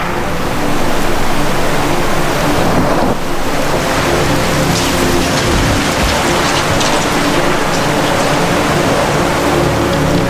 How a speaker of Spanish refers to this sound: Incluso los árboles robustos y antiguos no pueden con la fuerza de estas aguas.